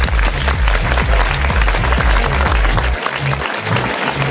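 A studio audience on the Studio Q dance station show Club Connection claps steadily and loudly for the DJ throughout, dense overlapping applause with a low rhythmic beat pulsing underneath and no voices standing out.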